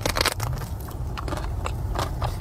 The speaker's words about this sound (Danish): Og så ser man hende ellers bare gå ombord i de her flødeskumskager bid for bid.